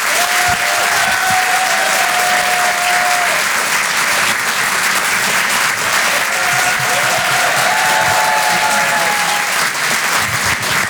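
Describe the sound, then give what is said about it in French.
Loud, sustained applause from the audience at the Rire et Chanson Comedy Club at the Apollo as comedian Edgar Yves is introduced, a dense steady wash of clapping with a few faint whistles or cheers rising above it. “Faites un maximum de bruit, s'il vous plaît, pour Monsieur Edgar Yves.”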